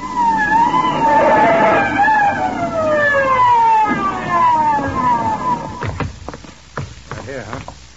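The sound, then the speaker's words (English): A police car siren wails loudly in long, falling sweeps over a rumbling engine as the police arrive in a hurry, then fades as voices start speaking near the end. “She runs screaming from the scene and brings the cops down in a hurry.”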